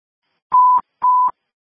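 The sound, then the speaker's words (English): Two short, steady electronic alert tones sound in quick succession on a fire and medical dispatch radio channel, loud and clean with a brief pause between them, with no voices. “Disregard tone.”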